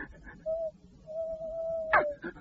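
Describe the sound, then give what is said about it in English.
An owl hoots in a dark wood, a short steady hoot followed by a longer drawn-out one, fairly faint, with a brief sharper noise cutting in near the end. “No, it isn't a ghost. It's an owl, couldn't it?”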